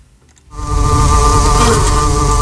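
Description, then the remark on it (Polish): After a brief quiet moment, a dense, steady hum of many bees inside a beehive at Poznań University of Technology swells in and continues loudly, a droning buzz with a sustained tonal whine and no voices; heard live at eight in the morning. “Ale można też posłuchać tego, co się dzieje w środku ula.”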